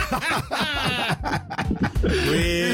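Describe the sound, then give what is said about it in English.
A person mimics a goat's bleat with a wavering, quavering voice, fairly loud, the warbling cry stretching out over a few seconds with a laugh-like, shaky edge. “He's a mountain goat.”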